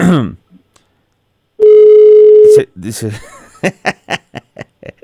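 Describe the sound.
A single loud, steady ringback tone sounds for about a second on an outgoing phone call, after a brief voice, followed by a string of short chuckles and laughter.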